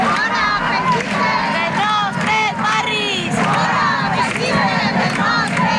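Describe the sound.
A crowd of about 200 antifascist protesters surrounding a protest camp in Valencia shouts loudly and continuously, many overlapping voices raised in chanting cries that rise and fall, filling the whole scene with dense noise.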